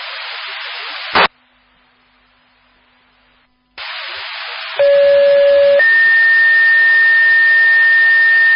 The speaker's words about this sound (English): Southeast Fire, this is your disregard tones for the 1200 block of Phoenix Street for 108. It's going to be gasoline from the BP.